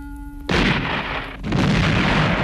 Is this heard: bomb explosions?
yes